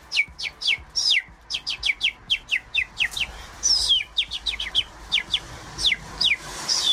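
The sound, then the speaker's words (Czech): A person imitates birdsong with quick, high, descending chirps and whistled trills, repeated in rapid rhythmic bursts, fairly loud, with no talking. “umí napodobit ptačí zpěv, vždyť to je nádherně, to úplně uklidnilo.”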